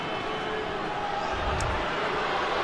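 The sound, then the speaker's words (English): A large ice hockey arena crowd at a Sabres game gives off a steady, unhappy roar of mixed voices, a dense wash of noise that holds at an even level without a clear break or swell. “Yeah, you hear the crowd here not happy with it as Susie continues to talk to the bench.”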